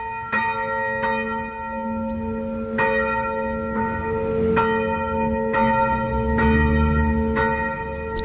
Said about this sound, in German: Und das Glockengeläut kommt heute aus Garching an der Alz von der St. Nikolauskirche.